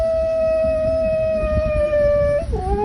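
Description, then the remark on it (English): A dog lets out a long, steady, high-pitched howl that holds one wailing note like a siren, then dips lower near the end, loud with no talking. “Bit like a kettle going off or a siren.”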